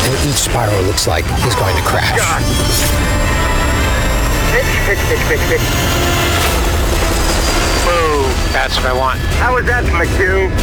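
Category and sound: vehicle, helicopter flying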